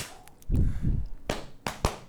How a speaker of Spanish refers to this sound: Valórame estos fuegos artificiales y esta sirena, mira. Buena sirena, buena McPhanton.